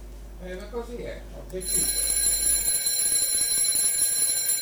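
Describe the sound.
A radio alarm clock starts ringing after a brief stretch of talking, its sustained high-pitched trill holding steady and loud until the end.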